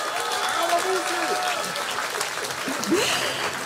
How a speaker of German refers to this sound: Dann sage ich vielen herzlichen Dank, einen großen Applaus für die beiden Obmänner